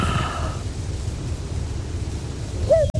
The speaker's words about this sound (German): Ah, Kuckuck